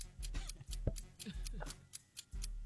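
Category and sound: sound effect, clock ticking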